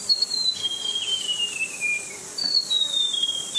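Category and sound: bird, white-throated gerygone song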